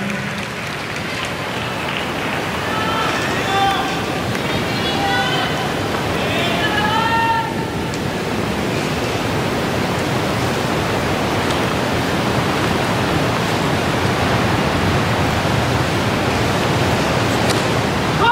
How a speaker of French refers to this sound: Et le bruit que l'on entend, c'est la pluie hein, qui s'abat sur le toit.